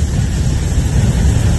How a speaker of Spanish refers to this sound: Un río de barro, esto es en, atención, en Alto del Carmen, tercera región. Un sonido de barro, oye, pero el sonido, y viene más fuerte de arriba.